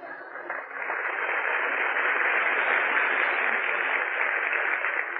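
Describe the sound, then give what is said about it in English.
The studio audience of the radio program Breakfast at Sardi's claps for host Tom Brenneman, starting modestly and quickly swelling into steady, dense applause that holds for about five seconds, with a thin, band-limited old-radio tone and no voices. “Well, go on, applaud.”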